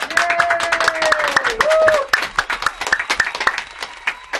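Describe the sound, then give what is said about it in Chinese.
Audience applause welcoming a special guest to a radio broadcast studio: a steady, dense patter of many hands clapping for several seconds, with a few gliding vocal whoops or cheers over the first half before the clapping carries on alone. “来，掌声欢迎。”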